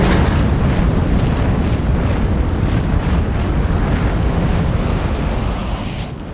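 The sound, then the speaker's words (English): A truck explodes in flames with a loud, dense, rumbling roar that stays steady for several seconds before easing slightly at the end. No voices are heard. “A truck explodes in flames and makes the squad jump back.”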